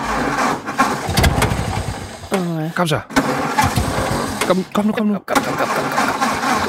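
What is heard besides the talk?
car engine cranking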